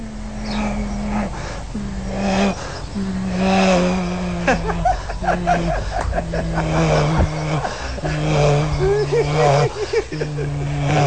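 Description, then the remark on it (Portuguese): A voice imitates an airplane flying at very high altitude, so high it is barely visible among the clouds, with a steady, low droning hum, held in long stretches with slight pitch shifts and brief breaths between, while other voices chime in faintly partway through. “Sabe aquele avião que tá lá em cima, lá em muita alta altitude, que você quase não vê ele entre as nuvens, bem pequenininha, o barulho é bem assim.”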